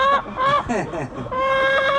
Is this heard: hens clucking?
yes